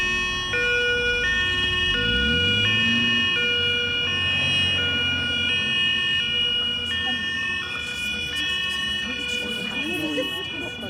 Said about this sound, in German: Dann trugen die Sanitäter ihn in den Krankenwagen. Seine Mama stieg mit ein. Die Türen wurden geschlossen und der Krankenwagen fuhr los.